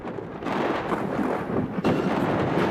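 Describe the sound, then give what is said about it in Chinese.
A loud, continuous low rumble of thunder rolls on for the whole stretch and surges again near the end, during an evening thunderstorm in Daming County with lightning, heavy rain, hail and strong wind, mixed with a broad roar like heavy rain and wind. “话音未落，顷刻间天空雷声大作，电光频闪，一阵强降雨夹杂着冰雹倾泻而下。”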